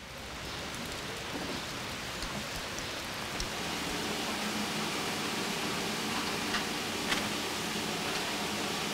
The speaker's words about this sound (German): Und wieder Regen.